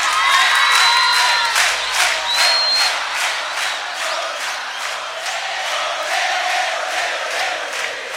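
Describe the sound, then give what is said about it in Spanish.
A crowd claps steadily in unison, each clap sharp and evenly spaced, while cheers and a few shrill whistles rise over the rhythm early on before easing into a continuous roar. “palmas, palmadas.”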